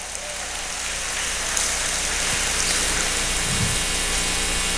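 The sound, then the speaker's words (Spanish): An audience applauds loudly for the Lord, a dense, steady wash of many hands clapping at once that carries on without a break for about five seconds. “Denle fuerte ese aplauso al Señor si le ama.”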